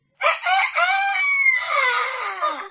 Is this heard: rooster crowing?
yes